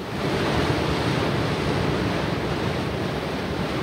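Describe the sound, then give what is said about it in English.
A steady, continuous roar of sea surf washing in at night, broad and hissing with no distinct pauses, fairly loud, with no voices. “There were just the two of us, and the night, and the sea.”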